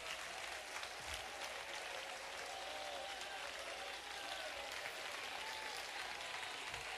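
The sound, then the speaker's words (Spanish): An audience at a Christian worship service applauds loudly in a steady, dense wash of clapping that holds at an even level throughout, with no speech over it. “Vamos, si usted lo cree conmigo, aplauda fuerte.”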